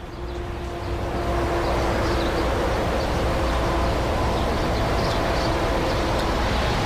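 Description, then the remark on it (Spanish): A steady, dense roar of road traffic on the A68 motorway near Pobes, in the Añana area, fills the scene, with faint bird chirps and bird flutters scattered on top. No one speaks; the noise swells slightly in the first second and then holds constant. “Este audio está recogido, revuelo de pájaros y tráfico rodado en las cercanías de la autopista A68 a su paso por la altura de el concejo de Pobes.”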